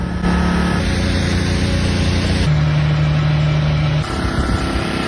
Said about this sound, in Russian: В итоге весь Крым живет в генераторах, и днем, и ночью слышен их мерный гул.